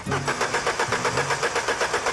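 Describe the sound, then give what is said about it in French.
A Cosworth Twin Cam 2-litre, 16-valve car engine runs hard at full revs, loud and rough, with a steady rapid pulsing rhythm and a low droning undertone. No voices are heard. “C'est vrai que le seul son qui les intéresse pour le moment, c'est le doux bruit d'un moteur Cosworth Twin Cam, 2 litres à 16 soupapes, à plein régime.”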